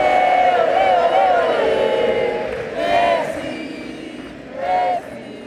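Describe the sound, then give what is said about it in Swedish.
A huge stadium crowd chants in unison at Lionel Messi's last match for the Argentina national team, sustained sung voices rising and falling, with two louder surges of roaring near the end. “Där hörde vi hur det var under Lionel Messis sista match för landslaget.”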